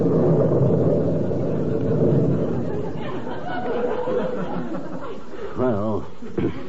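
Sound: thunder rumble sound effect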